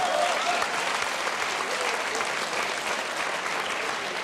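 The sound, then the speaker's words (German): Steady, dense audience applause fills the whole stretch, many hands clapping at once in a broad, even wash with no breaks and no voices standing out. “Das ist ein Applaus.”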